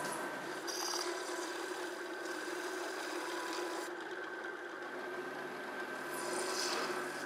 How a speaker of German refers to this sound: Dann wird die Laufsohle angepresst. Die überstehenden Seitenränder werden abgefräst.